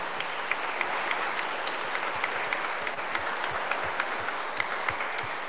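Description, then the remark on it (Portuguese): An audience at a Mass applauds lay brothers and sisters steadily, a dense wash of many hands clapping at even loudness for several seconds, with a few sharper individual claps standing out, and no one speaking. “E vocês, queridos irmãos, leigos e leigas, merecem uma salva de palmas também, né? Bem forte.”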